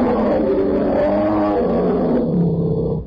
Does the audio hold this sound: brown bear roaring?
yes